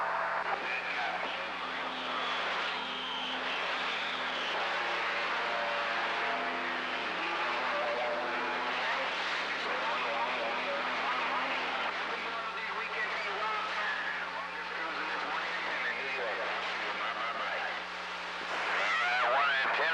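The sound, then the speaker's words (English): An airplane drones steadily overhead on the west side, a loud, continuous engine roar with a low hum that fills the whole scene without fading, while indistinct voices may murmur beneath it. “It's probably the audio going to come up and that damn plane going to just do whatever it wants to do over here on the west side.”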